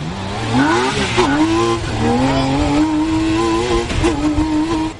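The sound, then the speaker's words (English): The loud engine of an open-sided, doorless car powered by a 6-cylinder BMW motorcycle engine screams at high revs, its pitch climbing and dipping through gear changes as it hurtles down the road, steady for several seconds with no talking. “Powered by a 6-cylinder BMW motorcycle engine”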